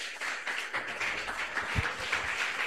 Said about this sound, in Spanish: Todos contentos, vamos a recibir al siervo de Dios con aplausos para el Señor Jesús.